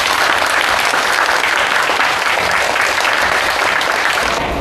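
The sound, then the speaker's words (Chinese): Sustained applause from a class, a dense, steady wash of many hands clapping at an even, loud level throughout, with no voices standing out. The class is welcoming a descendant of the martyr Fang Zhimin to the lesson. “大家掌声欢迎。”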